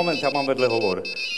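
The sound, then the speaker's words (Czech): A mobile phone ringtone plays a bright, melodic electronic tune for about a second, signalling a second incoming call during a call, with a voice-like tone running underneath before it cuts off and a faint high tone lingers. “Moment, já mám vedle hovor.”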